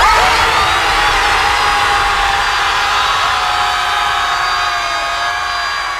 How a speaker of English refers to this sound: Here's everyone screaming at the sea.